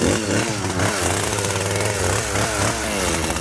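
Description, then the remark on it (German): A chainsaw roars steadily, its engine pitch wavering as it bites into a giant pumpkin, dense and loud throughout with no voices. “Und weil wir mit so einem 0815 Messer da nicht durchkommen, nehmen wir klar, die Kettensäge.”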